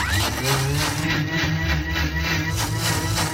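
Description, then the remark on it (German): A blender runs steadily for about 20 to 30 seconds, whirring oats and water to make oat milk, with a loud, continuous motor drone and churning hiss that holds an even level throughout, with no talking. “Das schmeißen wir dann in den Mixer rein.”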